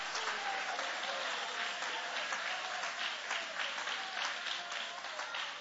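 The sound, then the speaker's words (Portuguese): A church audience applauds steadily, many hands clapping in a dense, continuous roar without pause, with a few faint voices mixed in. “Se Deus falou, vai se cumprir. Pode aplaudir, pode adorar.”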